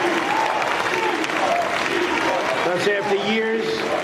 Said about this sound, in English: You can hear the crowd chanting, deport, deport.